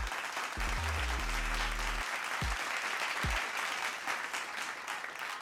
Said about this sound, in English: Today is National Beauticians Day. Shouts out to all my beauticians in the 242. Let me give you all a round of applause for keeping all the ladies looking oh so beautiful.